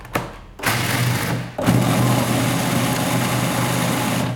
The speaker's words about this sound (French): C'est 150 grammes qu'on met dans son mixeur. Et on va faire un premier tour de mix pour les réduire en poudre.